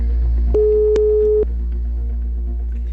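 A single phone ringback tone on an outgoing call, a steady mid-pitched beep lasting about a second, clear, with a faint hum and soft clicks around it and no talking.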